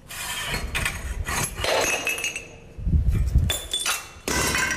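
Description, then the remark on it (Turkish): Gritty cracking and crumbling as a newly developed brick with an arch-form pattern gives way under a press in a compression test, with sharp snaps, scattered clinks of fragments and a heavier crunching burst partway through, no voices. “Kırıldı şu an. Görünmüyor. Böyle işte bütünlüğünü koruyor. Açalım, dağılacak.”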